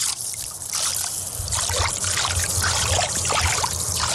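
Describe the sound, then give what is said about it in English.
Water pours and splashes steadily at a rock in Kamyai, where the water is still low from the summer; a continuous rushing trickle with bubbly gurgles, fairly loud throughout. “And it just fill the water. See how the water fills?”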